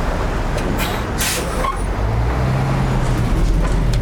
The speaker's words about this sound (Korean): 문이 닫히고 버스가 출발한다.